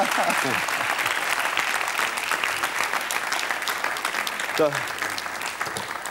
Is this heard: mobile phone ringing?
no